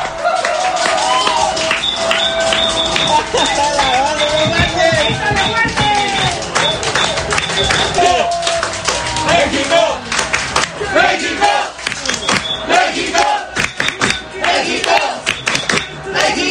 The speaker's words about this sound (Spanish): El segundo tiempo también estuvo lleno de emociones, donde el cielito lindo se escuchó entre los aficionados que al silbatazo final gritaron de júbilo y corearon el nombre de México celebrando la victoria de esta noche.